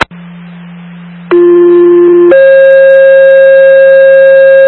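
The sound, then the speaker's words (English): A fire dispatch alert tone for Engine 29, sent for a fire alarm at Hemlock Farms, Bloomberg Township. It plays as a sequence of steady electronic tones: a low hum, then a brief mid-pitched tone, then a long sustained higher tone, loud and with no voices. “29 engine alert.”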